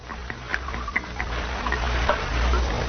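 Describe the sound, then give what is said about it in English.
Liquid trickles and splashes as it is poured from a jug into a cup, with small clinks and gurgles over a low, steady background rumble; fairly quiet, with no voices. “I brought you a cup, too. Pour me some.”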